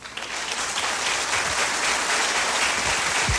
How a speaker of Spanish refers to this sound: Para ustedes ese aplauso.